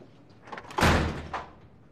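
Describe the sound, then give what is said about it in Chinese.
A door is pushed shut, landing with one solid, loud thud after a brief scrape, followed by a softer knock as it settles, then quiet. “那你把手拿开，我开门。”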